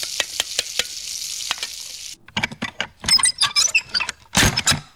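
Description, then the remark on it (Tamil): A steady hiss of food frying in hot oil on a kitchen stove as a meal is cooked, broken by sharp clinks of a utensil, then a run of scraping, clattering stirring strokes in an uneven rhythm, with no one speaking. “எனக்கு அடுப்படியில இன்னும் கொஞ்சம் வேலை இருக்கு.”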